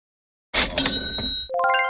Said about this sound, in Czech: Rolničky. Zpátky si kobylky zvoní do kroku, jak jsem to slyšel v jedné pohádce, co vysílali v rozhlase.